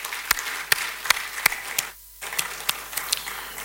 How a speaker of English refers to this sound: So today we are hosting Ekosisen from the Kempinski Gold Coast Hotel. I think it's better for you to give all of us a round of applause, please.